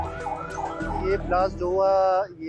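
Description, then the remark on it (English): Emergency vehicle sirens wail loudly as the vehicles race to the site of a bomb blast at Naurang Bazaar in northwestern Pakistan. Their rising and falling tones overlap over a low rumble of engines and traffic. “Such was the impact of the massive blast that shop fronts were damaged and vehicles were mangled, even as people rushed to help the wounded and emergency vehicles raced to the site.”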